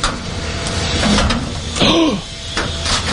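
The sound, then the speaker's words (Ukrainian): A heavy bomb shelter door, at the entrance under the stairwell of a Soviet-era 16-storey apartment block and unlocked by a number combination, is opened: a few dull clunks followed by a short rising creak of the hinge, over a steady hiss of background noise. “Просто під під'їздом вхід у бомбосховище. Двері відчиняє комбінація цифр.”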